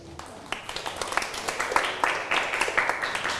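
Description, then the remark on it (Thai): A group of students in a classroom claps for a classmate, a dense patter of many hands building after a brief start and continuing steadily at moderate loudness, with faint voices mixed in. “ปรบมือให้กับเพื่อน”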